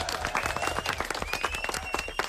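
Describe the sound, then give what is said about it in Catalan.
Group applause at the end of a word game: many hands clapping in a dense, irregular patter that stays fairly loud for the whole stretch, with a thin high tone faintly running beneath the claps. “Fort aplaudiment.”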